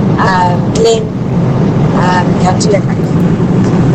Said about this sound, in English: What were you driving, a truck? Well, maybe the window's open.